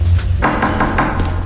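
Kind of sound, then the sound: impact, knocking on a door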